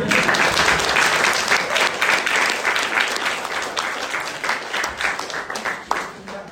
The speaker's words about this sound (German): Übrigens, mein Betreuer, bitte Applaus.